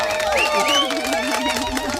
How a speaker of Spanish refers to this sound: Claro, la verdad que como aplauso me ha quedado un poquito flojo, debo reconocer.